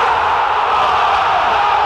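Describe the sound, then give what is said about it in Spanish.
A stadium crowd roars in a goal celebration, a loud, dense, unbroken wall of shouting voices that holds steady for about two seconds without dipping. “Es un grito de gol que nunca.”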